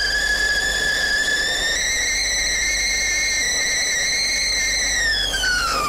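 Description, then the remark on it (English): A kettle boiling water for a cup of tea whistles with a loud, steady, shrill tone and bright overtones, rising slightly in pitch before sliding down at the very end. No one speaks. “Let me get that kettle on.”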